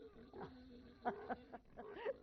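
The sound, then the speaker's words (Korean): Pigs grunt and squeal while eating the slop they have been given, a few short, nasal bursts in quick succession, fairly loud, with no one talking. “돼지물을 주던 모양이구만.”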